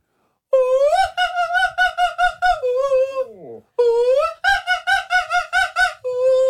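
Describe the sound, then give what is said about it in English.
A radio caller's voice strains to sing the Magic Flute through a high operatic run of rapid staccato notes, swoops down in a wobbly slide, then launches into another quick burst of bright, piercing repeated notes. “I want to hear people trying the Magic Flute.”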